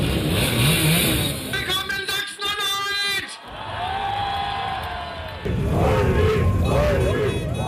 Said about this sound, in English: is leading a motorcade atop a blue moped, the AfD's signature colour.